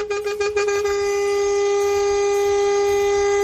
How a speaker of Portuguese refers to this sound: E pra aqueles padeiros que essa hora estão queimando o pão, dormindo, tirando aquele cochilo, uma buzinada, hein?